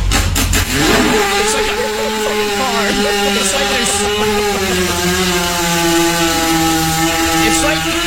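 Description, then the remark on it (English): A voice imitates a 250cc dirt bike engine trying to start: a few sputtering bursts at first, then a steady buzzing, revving drone that wavers but holds, loud throughout. “It's like you're starting at like a 250cc motorcycle, like a dirt bike. It won't start.”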